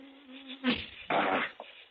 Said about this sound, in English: Mosquitoes.